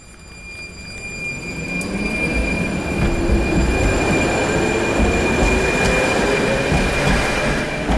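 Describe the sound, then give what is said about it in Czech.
Tram wheels squeal with steady high-pitched whines over a rumbling rolling noise at the turning loop of tram line 3 in Lidové sady, Liberec, growing louder over the first two seconds and then holding strong throughout. “U obratiště tramvaje číslo 3 v Lidových sadech v Liberci jsme právě v tuto chvíli.”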